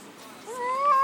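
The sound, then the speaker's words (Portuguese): A single drawn-out cat meow that rises in pitch and grows louder toward the end, with no one talking. “Eita, meu filho, o gato do filho, olha, rapaz.”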